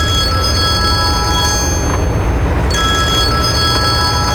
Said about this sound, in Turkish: Telefonun çalıyor